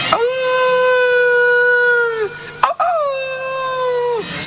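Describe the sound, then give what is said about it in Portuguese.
A voice imitates wolves howling: two long, steady, mournful howls, each held for about two seconds and dropping off at the end, loud, with a brief pause between them. “ata que un día de inverno, nevaba, un frío que morría, un frío que valía para curar xamóns, escoitaban os lobos a ovear.”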